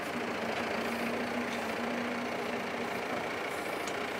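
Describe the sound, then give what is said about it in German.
A heavy tractor engine runs steadily with a low, rumbling drone and a faint tonal hum, holding constant throughout with no speech, as an island farmer uses two tractors, one with a front loader, to collect 400-kilogram bales of mown grass on a wetland pasture. “Wir fahren mit zwei Treckern, weil er halt nicht stehen bleiben kann ewig.”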